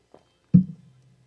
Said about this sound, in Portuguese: Tomei um golinho de água para limpar aqui a garganta. Desculpa aí, viu?